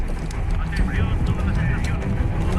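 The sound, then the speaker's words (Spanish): A helicopter rumbles loudly overhead in a steady, continuous low roar, while people talk over the noise. “¿Habrá más helicópteros?”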